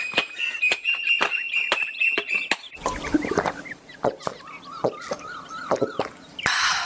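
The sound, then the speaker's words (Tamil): Many Asian koels call from coconut trees in a coconut grove, ringing out in repeated whistled phrases, clear, while sharp chopping knocks of tender coconuts being cut punctuate the scene at irregular intervals. “அங்க பாரு, தென்னை மரத்துல எவ்வளவு குயில்கள்.”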